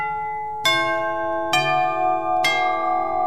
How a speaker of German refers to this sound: In der Klingel fließt dann auch Strom und der sorgt dafür, dass ein Geräusch entsteht. Bei neueren Klingeln kommt das Geräusch aus einem kleinen Lautsprecher.